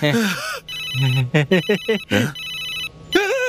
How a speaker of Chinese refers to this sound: 是老板的电话，手机。